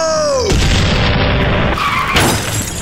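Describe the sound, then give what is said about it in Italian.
A descending whistle gives way to a loud cannon blast as a ship fires its cannons at a man in a car, followed by rumbling debris and a second explosive burst near the end, with crashing, shattering noise throughout. “Iniziano a bombardarlo e finisce sbalzato fuori dalla macchina finendo a nuotare sull'asfalto.”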